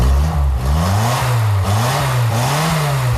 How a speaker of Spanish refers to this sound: este Simca funciona de maravilla, ¿eh? Lleva un motor Barreiro.